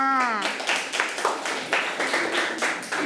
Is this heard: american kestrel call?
no